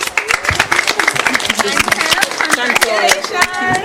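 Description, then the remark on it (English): A crowd claps in a quick, scattered burst of applause for a girl who answered a quiz question correctly and won a prize, with excited voices calling out over the clapping as it carries on for a few seconds. “Give her a clap.”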